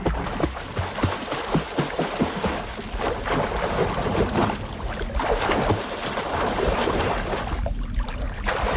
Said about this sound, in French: Voilà, bruit de clapotis dans l'eau.